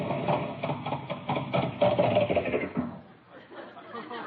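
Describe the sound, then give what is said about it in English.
An airplane motor runs with a loud, rapid, rattling drone on a cold morning, then abruptly cuts out about three seconds in, leaving only a faint, uneven sputter. “The motor cut out. It's a little cold this morning.”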